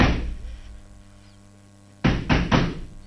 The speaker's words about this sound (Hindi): एकाएक सदर दरवाजे में किसी ने जोर से धक्का मारा।